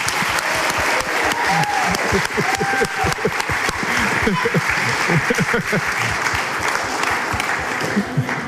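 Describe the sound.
An audience in a church applauds steadily for several seconds, dense clapping at a constant loud level with scattered voices and cheers mixed into the crowd noise.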